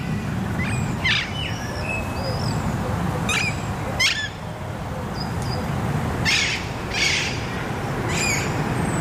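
A mix of wood pigeon, chaffinch, ring-necked parakeet, Alexandrine parakeet and blackbird calls: scattered sharp chirps and short screeching bursts over a steady low outdoor rumble, with soft cooing underneath and no talking.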